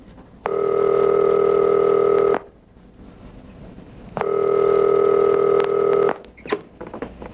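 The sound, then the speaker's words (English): Two loud, steady phone rings buzz down a telephone line, each lasting about two seconds with a pause between them, followed by faint handset clicks and no talking. “But we both knew something had to change, so I made a phone call.”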